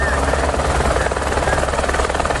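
A firefighters' rescue helicopter's rotor thunders during a rescue at a hard-to-reach spot in Rola Moça, in the Belo Horizonte metropolitan region, Brazil: a loud, steady chopping roar with a deep low-end throb that fills the whole stretch without letting up.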